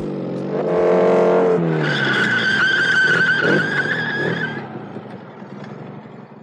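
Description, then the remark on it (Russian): A motorcycle engine revs loudly as it arrives at Altkirch, then tires let out a long, high screech as it skids to a stop, and the sound fades into a low idle. “Мы тогда тоже на мотоцикле ехали.”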